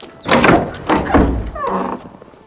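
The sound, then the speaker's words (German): A heavy carriage door is pushed open with a series of dull thunks and scraping rumbles, followed by a creaking, grinding swing that trails off, fairly loud. “Öffnet die Tür. Für sowas habe ich wenig Zeit. Tür auf.”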